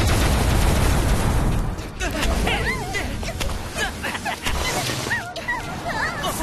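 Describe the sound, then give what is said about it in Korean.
A rapid volley of loud, punchy launching pops as balloon balls are fired off in quick succession, forceful, while excited voices shout and chatter over the barrage. “풍선볼 연속 발사!”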